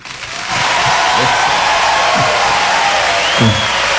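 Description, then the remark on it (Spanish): An audience breaks into steady, loud applause for the backing musicians after a brief moment, the dense clapping carrying on throughout with a few scattered whistles and cheers rising above it. “Sí, pero el aplauso para el respaldo musical te pedía.”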